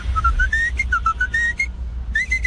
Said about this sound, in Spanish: Ya conocían el chiflidillo de la loncherilla, la cucaracha, tiriririririrín.